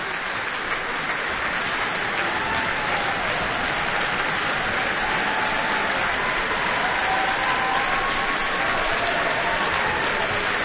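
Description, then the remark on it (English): Sustained applause from a large concert audience at the Microphile Centre after the NZSO's performance of Romeo and Juliet, a dense, steady wash of clapping at an even loudness throughout, with no voices standing out. “Well, as you can tell perhaps from the applause at the Microphile Centre tonight, Romeo and Juliet hugely popular, whether it's in ballet form or through the orchestral suites.”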